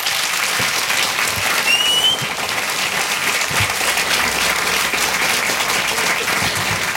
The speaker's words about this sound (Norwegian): Gi Therese Tungen og Lars Mytting en varm applaus.